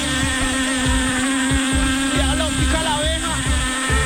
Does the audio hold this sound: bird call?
no